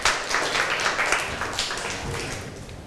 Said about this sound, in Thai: เชิญปรบมือให้เพื่อนหน่อยค่ะ